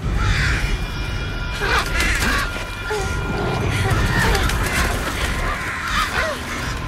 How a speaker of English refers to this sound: Triss struggles to escape as the stream of birds begins to attack her.